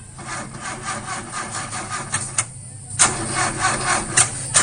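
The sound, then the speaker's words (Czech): An old car's engine cranks over and over without catching, a rapid rhythmic grinding whir that pauses briefly and then starts again, loud, with no voices. “Neđe ti nešto taj auto, a?”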